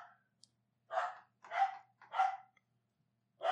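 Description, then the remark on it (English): A female dog barks at the door in short, sharp bursts, about four barks spaced roughly half a second apart with a brief pause before the last, loud, with no one talking. “I don't know what this lunatic is barking at.”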